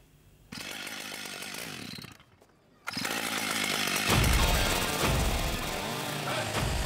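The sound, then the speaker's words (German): A chainsaw artist's chainsaw motor starts up in Kreuzter and roars steadily, briefly dropping off before revving hard again and biting into a solid oak trunk, four metres long and 80 cm thick, with a loud, grinding buzz that continues to the end. “Also wenn der den Motor anwirft, wie kürzlich in Kreuzter, dann fliegen nicht nur die Späne, dann ist das eine echte Show.”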